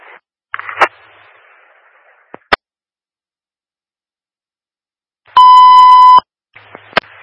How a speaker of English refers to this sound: I just got a call from maintenance. They were painting, set off the alarm. They have a reset protocol.